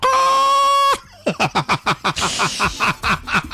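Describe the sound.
As a joke, a person imitates an angry rooster calling the hen with one loud, drawn-out, strained vocal call, then breaks into a run of quick, rhythmic laughter.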